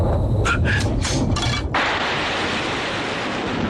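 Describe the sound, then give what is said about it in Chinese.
A thunderclap: several quick crackling bursts give way to a loud, steady rumbling roar that holds without fading, with no voices over it. “刘备假装自己胆子小，天上打一雷他筷子都掉地上了。”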